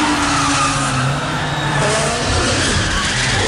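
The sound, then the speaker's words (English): A Zeekr 7X electric car from a Chinese EV manufacturer drifts sideways through a gap with only 25 centimetres of clearance in a drifting world record, tyres squealing loudly and continuously, a harsh screech over a steady roar of engine and road noise with slowly shifting high whines. “A new drifting world record has been set by a Chinese EV manufacturer.”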